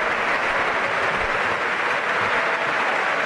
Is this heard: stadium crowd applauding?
yes